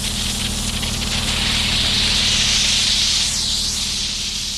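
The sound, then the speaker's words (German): A steady, loud hiss of a steam jet from a cleaning machine for removing chewing gum residue blasts continuously, releasing a large cloud of steam, with a low mechanical hum running underneath and no one speaking. “Da kommt dann so eine ganz große Dampfwolke raus.”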